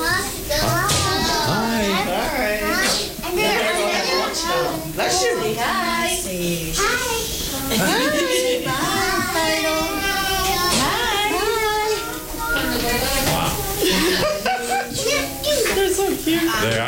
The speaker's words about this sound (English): Oh, here we go. Yeah, here goes the kiddos.